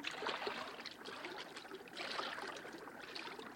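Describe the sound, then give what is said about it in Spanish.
Water trickles and sloshes steadily, swelling twice as someone wades into a river. Soft, with no voices. “Bueno, métete en el agua y averigua lo que es.”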